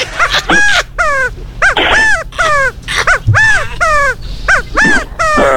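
A pet bird calls loudly and insistently, about ten harsh, ringing squawks in a rapid, steady series, each rising then falling in pitch, with no voices in between.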